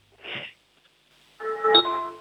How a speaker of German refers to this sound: Wow, das ist aber eine tolle Türklingel gewesen.